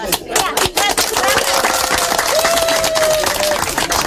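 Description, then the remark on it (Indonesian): Steady applause from a crowd at a traditional customary wedding ceremony, marking the marriage as officially done under customary law; many hands clapping densely for several seconds, with a faint tone and murmuring voices mixed in underneath. “Dan tepuk tangan sebagai tanda bahwa pernikahan mereka telah resmi dilakukan di hadapan hukum adat.”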